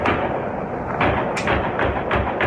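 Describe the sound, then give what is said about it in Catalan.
A handful of sharp gunshots, roughly four or five at uneven intervals, pop out of a constant noisy outdoor background, recorded in a video at a racecourse in Àreu near Zurich, Switzerland, at 2:45 in the early morning. “En aquest vídeo que corre per les xarxes se sent el moment dels trets.”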